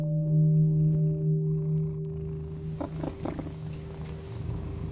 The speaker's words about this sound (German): Ich kann mir vorstellen, dass so eine schnurrende Katze auch ein sehr gutes Einschlafmittel ist.